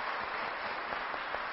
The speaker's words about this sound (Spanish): Muy bien. Un aplauso para estos niños. Felicidades.